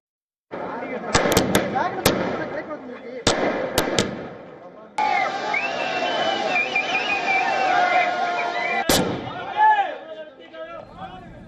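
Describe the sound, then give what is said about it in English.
Sharp firecracker bangs pop in quick bursts over a noisy crowd of party workers and supporters celebrating outside the TVK headquarters in Chennai, with a few loud cracks early on and another later, amid constant chatter and shouting of party slogans. “They burst firecrackers and also raised party slogans.”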